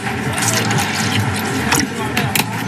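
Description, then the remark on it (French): Pineapple juice pours steadily into a glass for a few seconds while a non-alcoholic piña colada is made, a continuous gurgling fill with brief splashy bursts near the end, while people chat in the background. “Un peu de jus d'ananas.”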